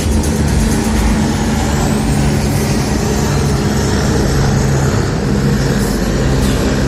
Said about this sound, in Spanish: Ahí está el helicóptero.